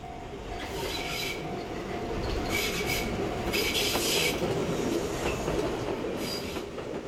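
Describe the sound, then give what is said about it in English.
A train in Kamakura, Japan rolls steadily along the rails with a constant low rumble, punctuated by bursts of high metallic hissing and wheel squeal, fairly loud throughout, with no voices. “From central Kamakura, the train ride and walk to Kotoku-in Temple takes about 15 minutes.”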